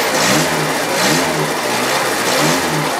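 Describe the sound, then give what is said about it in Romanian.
A Trabant car's small two-stroke engine, running on oil mixed with petrol, revs up and down in repeated surges, loud, with a buzzy rasping tone and no voices. “Trabantul rămâne o curiozitate a tehnicii pe 4 roți, cu o caroserie din materiale reciclate și un motor în 2 timpi, care merge cu ulei amestecat cu benzină.”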